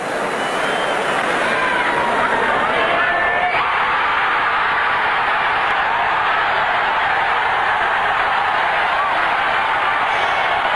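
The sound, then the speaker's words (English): A huge home stadium crowd of 70,000 Canadian fans roars continuously after high jumper Joy clears 2.23 meters, a dense wall of cheering, yelling and whoops that stays loud and steady for the whole stretch, with a few higher shouts rising through the din. “As you heard that enthusiasm from the crowd, they knew that Joy had the silver for sure and still had a chance at gold, which Joy had predicted would be won with a 2.25 meter jump.”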